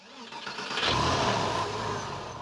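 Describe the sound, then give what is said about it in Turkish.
The engine of a Porsche 911 convertible with a six-speed gearbox cranks and catches, then settles into a steady, throaty idle, its broad low rumble filling the short recording with no voices. “İşte bu duymak isteyeceğiniz ses. Yanlış bir ses gelmiyor. Egzozdan garip mavi dumanlar yükselmiyor.”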